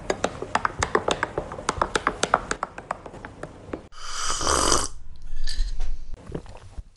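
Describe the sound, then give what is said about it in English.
Someone slurps coffee in two noisy, airy sips, each about a second long, after a run of quick, light clicks and taps. No one speaks. “Yes, as you can hear, I'm sipping my coffee.”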